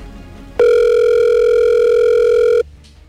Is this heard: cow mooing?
no